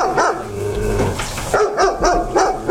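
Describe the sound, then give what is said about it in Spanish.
A female dog that is tied up barks loudly, a rough, drawn-out yelp followed by a quick run of about four sharp barks in a steady rhythm, with no one talking. “Si la perra está amarrada, aunque ladre todo el día.”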